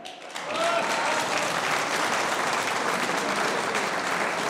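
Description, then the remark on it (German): A crowd claps steadily for two candidates in the election of the new Strawberry Queen (Erdbeerkönigin) of Wiesen, a dense, even patter of many hands that swells within the first half second and holds at full strength without a break. “Das ist euer Applaus.”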